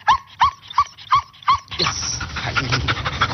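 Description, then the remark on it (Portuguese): A female police dog of Portugal's GNR, very close to the microphone in a radio studio, gives five quick, evenly spaced whiny yips, then breaks into loud, continuous panting and snuffling as it licks the mic. No one speaks. “A cadela Cobra Kai é agora estrela na rádio. E agora está aqui a lamber o microfone”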